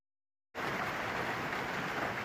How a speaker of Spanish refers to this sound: Es la imagen y el sonido de la intensa granizada que ha caído esta tarde en Talavera de la Reina, en Toledo. Ha durado apenas 15 minutos y deja inundaciones, daños en vehículos y árboles caídos.